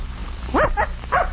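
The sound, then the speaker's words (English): A young puppy, out for the first time and being trained to track a scent, gives three short, high-pitched yaps in quick succession, fairly loud, over a faint low background hum with no one talking. “Here you are, puppy. Come on now, sniff again.”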